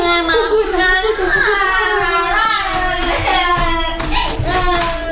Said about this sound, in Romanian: Și gălăgia pe care o fac copiii. N-am auzit când ai bătut la ușă.